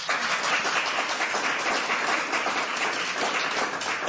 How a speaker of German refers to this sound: Einen ganz, ganz dicken Applaus bitte.